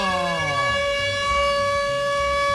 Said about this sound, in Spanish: Póngame la sirena, hágame el favor, póngame la sirena, gracias. Eso.